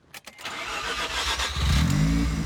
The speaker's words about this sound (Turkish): Ben de dahil olmak üzere birçok kişi bu aracın motor hacminin 1.3 litre olmasına şaşırıyordur. Bu motordan böyle bir güç çıkması şaşırtıcı. Motoru çalıştırabilir misin? Sesini merak ediyorum.